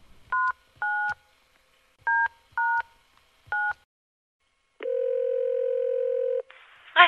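Five short two-tone keypad beeps as a woman dials a number on her mobile phone's keypad at an uneven pace, followed by a longer steady ringing tone and a brief noisy click at the end. No one speaks.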